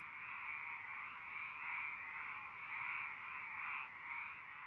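A dense chorus of frogs croaking without pause, many voices blending into a steady, slightly pulsing drone at moderate volume, with no talking.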